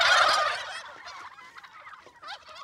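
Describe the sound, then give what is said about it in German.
A loud, rattling turkey gobble bursts out at the start, then quieter overlapping gobbles and warbling calls follow from several turkeys on a turkey meadow, with no one talking. “Und offensichtlich braucht eine der Puten Hilfe.”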